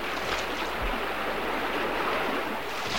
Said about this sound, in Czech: dnes ráno říkali u ohně, že je nebezpečné pouštět se s loďkou daleko do proudu, když velká řeka řve, jako dnes.